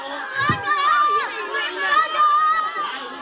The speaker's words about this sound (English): Those are kids cheering on their favorite snail. So much enthusiasm. The town puts on an annual snail race as a way to bring in tourists.